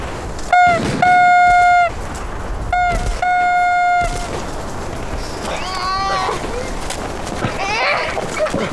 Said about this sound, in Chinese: 吹喇叭，命令部队停止射击。